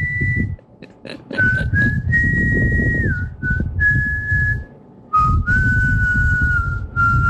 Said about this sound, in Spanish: Otro. Otro con trino. Es que hacer ese vibrato en el silbido no es así nomás.